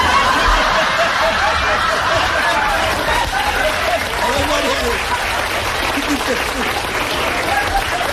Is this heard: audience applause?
yes